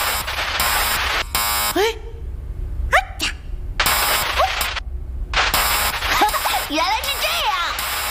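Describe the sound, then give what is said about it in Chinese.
A harsh electronic alarm buzzer of a spaceship's alarm system blares in several loud bursts separated by short gaps, with swooping voice-like tones sliding over the blasts; the system is giving a storm warning, set off by a synthesized sound it took for a sound storm. “飞船的警报系统被鞭炮声吵坏了？”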